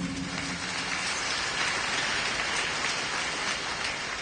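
An audience claps in praise of Christ Jesus during a sermon, steady clapping in a dense, even wash of many hands with no individual claps standing out. It holds at a fairly loud level throughout, with no voices on top.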